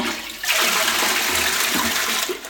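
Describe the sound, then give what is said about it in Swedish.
A toilet flushes with a loud, steady rush of water that starts abruptly and roars continuously, with no one speaking. “Det är ju en lyx egentligen att vi spolar renat vatten i toaletten, men med det läget som mer och mer blir så funderar man ju på, är det ett hållbart sätt att hantera vattnet på?”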